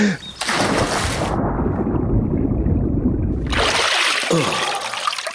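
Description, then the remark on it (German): A splash as something plunges into water by a bank, diving deep toward a hidden underwater entrance to a burrow, then a muffled, bubbling underwater rumble for a couple of seconds, before bright splashing and trickling water return as it surfaces. “Weil, das könnt ihr jetzt nicht sehen, aber da hinten am Ufer, unten tief im Wasser, da versteckt sich der Eingang zu unserem Bau.”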